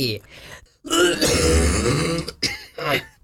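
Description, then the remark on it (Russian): A loud, deliberate, drawn-out cough, held back for some seconds before being let out: a short throaty lead-in, then a long rasping, voiced hack, followed by two smaller coughing bursts, with no talking. “Вы сдерживаете сколько-то секунд или даже минут, чтобы смачно, звучно кашлянуть.”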